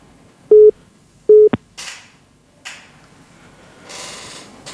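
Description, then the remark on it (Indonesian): Two short electronic ringing tones from an outgoing WhatsApp call, evenly spaced, followed by soft rustling and handling noises with no one speaking. “Jadi tidak ada balasan sahabat budaya, kita angkat lagi di telepon WhatsApp.”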